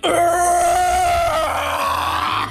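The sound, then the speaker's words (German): A voice attempting a metal scream lets out a strained, gritty growl-scream lasting a couple of seconds, harmonics steady then breaking into rough noise, loud and sustained without words. “Kannst du eigentlich einen Metal Scream?”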